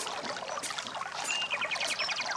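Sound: river water trickling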